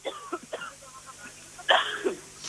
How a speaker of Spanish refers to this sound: Bueno, ha dado un golpito de tos